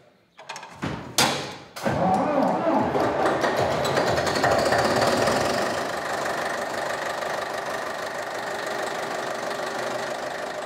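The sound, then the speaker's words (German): A historic tractor engine coughs and sputters into life with a few irregular bangs, then settles into a steady, loud, knocking idle with a rapid rhythmic chug. “Heute geht es nicht mit dem Trecker aufs Feld, sondern historische Zugmaschinen stehen im Mittelpunkt.”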